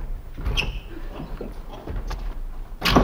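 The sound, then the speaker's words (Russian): Vetochkin opens a door: a short creaking squeak and a few handling clicks, ending in a louder, rushing clunk as it swings, with no one speaking. “Веточкин идет отворять дверь.”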